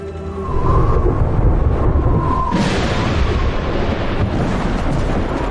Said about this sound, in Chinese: 乌云的下方正在经历高原暴雨，藏在乌云背后的就是昆仑山。